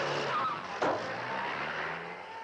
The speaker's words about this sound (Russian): Такси быстро подъезжает к многоэтажному дому, резко тормозит перед подъездом.